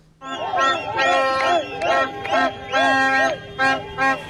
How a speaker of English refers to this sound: And Mexican fans have been doing their best to disrupt the sleep of the England players with loud cheers and beeping car horns outside the team hotel, despite efforts to keep its location secret.